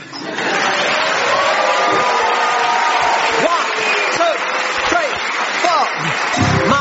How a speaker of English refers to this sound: So this, okay, well, that's Mark. He's very thin. If you want, you can clap him.